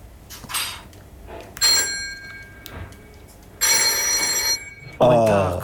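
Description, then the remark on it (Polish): An RWT Telkom Tulipan telephone bell rings in two sharp, metallic bursts with a long, shimmering tone, loud, with brief voices between and a short spoken exclamation at the end. “A tulipan też masz? Tulipan jakiś? Telefon RWT Telkom Tulipan.”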